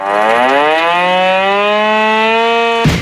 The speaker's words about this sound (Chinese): 天刚蒙蒙亮，一阵急促的警报声骤然划破营区的沉寂。陆军第83集团军某旅一场全要素战备拉动临机展开。